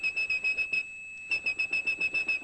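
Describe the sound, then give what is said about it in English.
A person whistles a high, piercing 2600 hertz tone, the telephone switching signal meaning a call had ended, held steady and pulsing in quick rhythmic bursts, breaking off briefly in the middle before resuming. Clear, with no talking. “That's the tone … whistled.”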